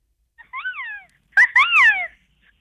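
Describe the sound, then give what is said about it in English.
A person imitates a harpy eagle's call with two high, wavering, wailing cries. The first is softer, and the second is louder and longer, opening with a couple of sharp bursts. “The harpy eagle.”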